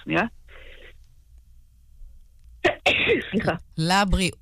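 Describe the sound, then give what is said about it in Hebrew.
A short, muffled sneeze, a brief burst of breathy noise, comes between stretches of speech, followed by a sharp vocal burst as people resume talking. “לבריאות אלרגיות של האביב מזדהה עמוקות, אני פשוט יכולה לסגור את המיקרופון כשאני צריכה לעשות.”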